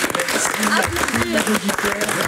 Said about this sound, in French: Bon ben voilà, il nous reste quelques secondes. Oui, applaudir, merci. Évidemment.